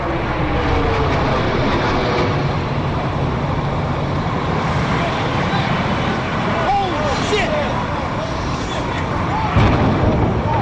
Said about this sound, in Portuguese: O Mundo João vai mudar daqui a 46 minutos, no momento em que este avião, que saiu agora de Boston, chocar com a Torre Norte do World Trade Center.